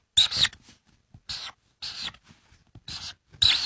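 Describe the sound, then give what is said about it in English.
A pen scratching across paper in quick strokes as three birds are drawn the way they were drawn as a kid, five bursts of bright scribbling separated by short pauses, fairly loud with no talking. “but I'm gonna draw them how I drew them as a kid.”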